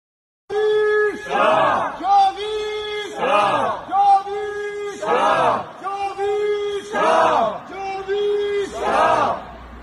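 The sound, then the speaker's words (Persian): A crowd of Iranian protesters in Munich, Germany chants a slogan in unison, repeating the same rhythmic phrase over and over in loud, steady bursts of massed voices. “شعار داد توی مونیخ”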